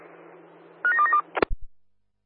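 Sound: telephone dialing tones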